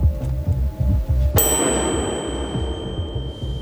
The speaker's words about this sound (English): Bite after each bell sound.